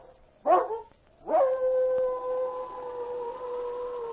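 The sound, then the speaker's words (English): A dog lets out a brief yelp, then rises into a long, steady wailing howl that holds its pitch for several seconds. It sounds fairly loud, with no talking. “An instinctive fear moved through her body, and she raised her head to give forth a long, wailing howl.”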